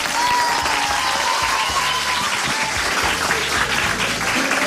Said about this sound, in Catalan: Va, un fort aplaudiment també per l'Institut Mediterrània.